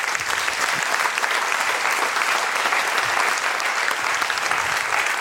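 Sustained audience applause in a studio for a prize winner at an award presentation, a dense steady wash of many hands clapping at an even loudness for several seconds, with no one speaking over it.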